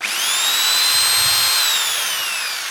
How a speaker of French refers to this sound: Avec une perceuse. Donc je vous laisse imaginer.